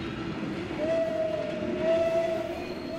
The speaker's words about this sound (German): Bei der Sonderfahrt hält das Kuckucksbähnel nicht wie sonst an jedem Bahnhof. Durch Erfenstein fährt es einfach durch.